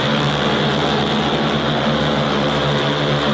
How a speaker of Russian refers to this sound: И следом за первым тестовым дроном в небо над Херсоном подняли целый продуктовый аэрокараван.